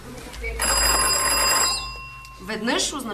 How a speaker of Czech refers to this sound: Protože ještě neexistoval telefon, byla v dole zvonková signalizace mezi dnem šachty a povrchem, kam se nejdřív ručně a později koňmo dopravovali vozíky s uhlím. Jedno zazvonění znamenalo zastav. Dva byl signál pro spust vozíky dolů.